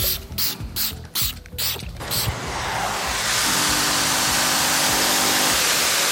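A few quick, rhythmic spray pumps give way to a loud, steady rushing hiss of a steam vacuum cleaner running close by, with no one talking.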